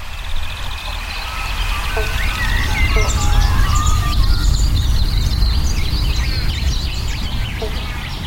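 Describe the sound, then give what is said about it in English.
Banjo frogs, also called bobble bonks, calling amid a busy chorus of several frog species, high chirps and trills, with a few short, hollow plucked notes over a steady low rumble. No one speaks. “You can hear the frogs. There's several species calling right now. Banjo frogs or bobble bonks.”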